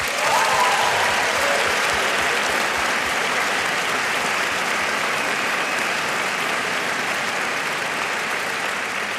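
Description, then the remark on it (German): A large concert audience in the Elbphilharmonie claps steadily for itself as listeners, with dense, sustained applause filling the whole stretch at an even loudness. Scattered cheers rise briefly near the start. “Ein Applaus an euch.”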